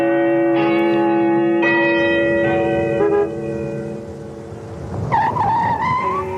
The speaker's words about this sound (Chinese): 江边的钟楼又按时响起来钟声